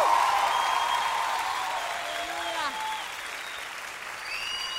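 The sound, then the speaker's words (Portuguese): A large audience at a Christian gospel gathering claps steadily and loudly for Jesus for several seconds, a dense wash of applause with scattered cheers and whistles rising above it. “As palmas mais fortes para Jesus.”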